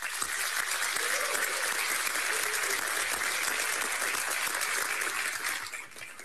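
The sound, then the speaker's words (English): A crowd applauds both candidates at a candidate forum, a dense wash of clapping that holds at full strength for about six seconds before tapering off at the end. No one speaks over it. “So this time, let's have a round of applause for both of our candidates.”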